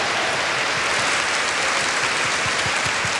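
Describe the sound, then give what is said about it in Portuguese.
A crowd at a sanctuary's festival claps steadily in dense, sustained applause for all who helped, a loud wash of many overlapping hand claps with no voices heard. “Uma salva de palmas a todos que ajudaram.”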